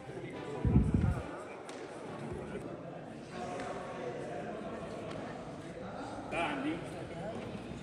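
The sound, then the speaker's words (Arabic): A goalball ball thuds loudly on a hard court early on, then rolls away amid a steady echo, with faint voices murmuring in the background, at a blind goalball tournament in Idlib for 16 players, held by the Paralympic Committee with the Red Crescent. “أقامت اللجنة البارالمبية في إدلب بالتعاون مع الهلال الأحمر بطولة كرة الهدف للمكفوفين، شارك فيها 16 لاعبا من ذوي الهمم بعنوان لا حدود للقدرة اتبع الصوت.”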